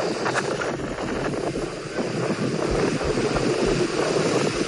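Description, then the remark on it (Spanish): A stormy roar of wind rushes steadily and loudly throughout, with a few low thuds and rumbles buried in the noise, from a video of a thunderstorm in Novo Mesoiro. No one speaks. “mira este vídeo de la tormenta en Novo Mesoiro.”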